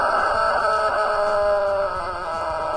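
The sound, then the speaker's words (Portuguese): A rooster named Galo Papudo crows loudly, one long drawn-out call with a strained, buzzy tone that holds almost the full length before easing slightly near the end, aired on the Bom Dia 104 show on Rádio Jornal FM. No one speaks. “Ô Galo Papudo, bom dia! Esse é o nosso Galo Papudo,”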